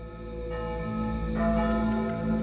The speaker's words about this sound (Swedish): Och Anna är ledig från fabriken när hon hör kyrkklockorna. De ringer nu över hela Sverige